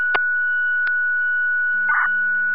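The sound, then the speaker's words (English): A steady, piercing electronic tone holds throughout, joined near the end by a lower tone: fire dispatch pager alert tones over a radio channel, retoning an EMS call for a driver, with a couple of sharp clicks and a short burst of static. “Call EMT, your EMS call, retone for a driver.”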